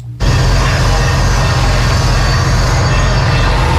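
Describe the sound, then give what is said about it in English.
Loud, steady construction noise from renovation work inside the historic Duncan Auditorium at Tampa Theater: a dense machinery roar with a heavy low rumble and rapid pulsing throb, kicking in abruptly and continuing without pause, no voices. “Today, those sounds have been replaced by the noise of construction.”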